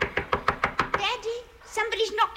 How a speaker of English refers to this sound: Don't answer it, child. But they're knocking. Get away, I tell you.